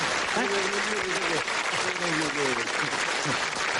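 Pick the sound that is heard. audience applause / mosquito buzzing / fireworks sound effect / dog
audience applause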